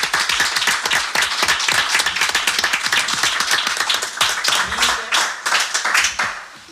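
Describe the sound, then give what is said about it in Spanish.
An audience applauds steadily, many hands clapping in a dense, continuous patter with sharp individual claps standing out, then thinning slightly near the end. “Se merece un gran aplauso”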